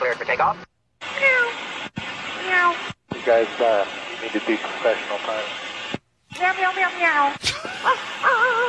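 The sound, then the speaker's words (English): Pilots imitate cat meows and barking over a tinny, band-limited aviation radio, several short transmissions cut by squelch breaks, with repeated rising and falling meows and some chatter mixed in. “And the barking. The meowing pilots.”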